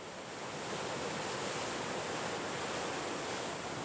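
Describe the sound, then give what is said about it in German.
Water roars steadily as it rushes through the weir at a lock on the Moldau (Vltava) shipping canal Vranany-Horschin, a dense, continuous hiss that stays loud for the whole stretch, with no voices. “Wer einmal an der Wehr die Durchfahrt eines großen Schiffes erlebt hat, wird das unglaubliche Brausen, Tosen und Rauschen schwer wieder vergessen.”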